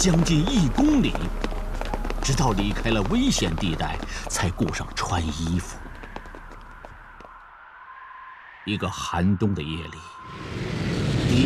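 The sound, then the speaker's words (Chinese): Many feet of a transport team run together for nearly 1 km in a rapid, steady patter, mixed with urgent voices and heavy breathing, after crossing an icy river in midwinter with light snow as enemy planes come over. A steady drone rises in the middle, then the hurried steps and voices return. “运输队跑步行军将近1公里，直到离开了危险地带才顾上穿衣服。”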